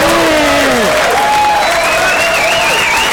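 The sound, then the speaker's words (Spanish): Steady audience applause welcoming an introduced guest fills the whole stretch, a dense loud patter of clapping, with a few whistles and cheers rising and gliding above it. “Un aplauso.”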